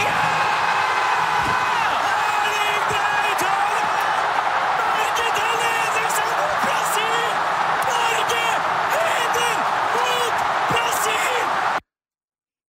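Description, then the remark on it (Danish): A loud, excited NRK commentator shouts over a dense, roaring crowd of Norwegians watching on a big screen at Ullevaal Stadion in Oslo, cheering Norway's go-ahead goal against Brazil in the 79th minute. They cheer continuously for about twelve seconds before the sound cuts off abruptly. “Det udløste eufori hos både norske fodboldkommentatorer på NRK og de mange tusinde nordmænd, der fulgte kampen på storskærm på Ullevaal Stadion i Oslo.”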